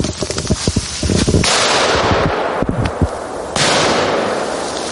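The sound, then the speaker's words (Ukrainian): A buried training mine in a mine-safety drill goes off in a burst of sharp pops followed by loud, sustained hissing crackle, fading briefly and then flaring again, with no voices. “Ліг, той сектор не зачистив, погано зачистив, а там була міна, впав і вона взірвалася.”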